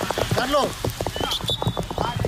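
A heavy downpour roars steadily, a dense, continuous hiss of rain, during the Spain national football team's training in Chattanooga, which players could not complete on the pitch, while people's voices call out loudly over it.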